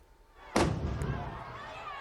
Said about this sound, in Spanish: Varios cohetes han explotado entre la multitud durante el chupinazo de las fiestas de Noaín, en Navarra.